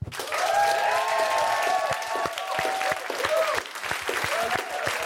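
An audience claps steadily and loudly for several seconds, with high whistles and cheering voices rising over the dense patter of hands.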